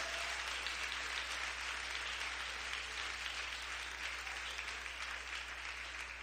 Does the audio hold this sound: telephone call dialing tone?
no